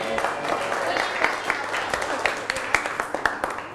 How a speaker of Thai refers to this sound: เชิญก่อนปรบมือให้เพื่อน